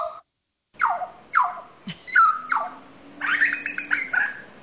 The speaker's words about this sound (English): And this one's a grey butcher bird.